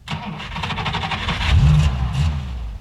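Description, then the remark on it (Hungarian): A second car's engine rumbles low and steady as it comes out of a dust cloud at the mouth of a side street, then revs up with a rising, throaty whine around the middle before settling back into a loud idle. No one speaks. “A második kocsi most siklott berregett ki a porfelhőből a mellékutca torkolatánál.”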